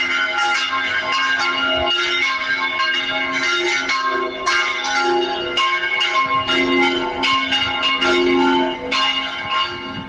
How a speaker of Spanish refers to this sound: Pues es el sonido de las campanas, hasta tres a la vez, de la iglesia de la zona de Soto de la Marina. Un sonido con el que los vecinos han llegado a recoger firmas porque conviven, dicen, con este sonido desde hace 12 años aproximadamente,